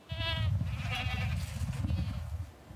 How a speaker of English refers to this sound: The goats are back on Nose Hill.